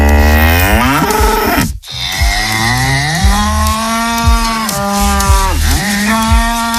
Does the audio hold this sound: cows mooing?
yes